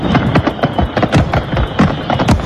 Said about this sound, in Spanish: Y ya ha finalizado la Feria de San Juan de Badajoz, más de 10 días de fiesta donde finalmente han podido disfrutar de sus tradicionales cohetes.